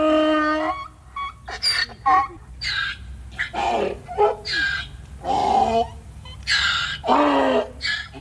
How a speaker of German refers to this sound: Der Esel ist übrigens eines der wenigen Tiere, die sowohl beim Einatmen wie beim Ausatmen Töne erzeugt. Töne, die zum Differenzierteren gehören unter den Tierlauten.